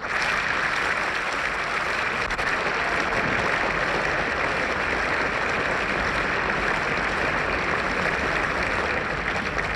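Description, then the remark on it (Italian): Sustained audience applause in a cinema hall at the 27th Venice International Film Festival, at the end of the screening of Gillo Pontecorvo's film The Battle of Algiers, applauding the director and the film's lead actor present in the hall; a dense, steady roar of many hands clapping at an even, loud level with no voices breaking through. “Gli applausi al regista e all'interprete del film presenti nella sala si sono rilevati con più insistenza e spontanei al termine della proiezione del film.”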